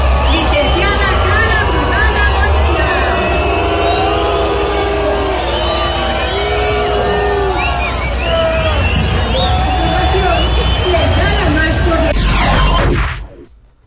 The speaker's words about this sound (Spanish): No me quedó claro si fue abucheo, ¿no? Sí. Estaban diciéndole brugada. Brugada. ¿Sí? No, sí fue abucheo.